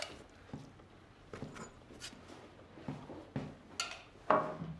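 Two glasses and a black bottle are set down on a hard surface, giving a series of light clinks and knocks at irregular intervals, otherwise quiet.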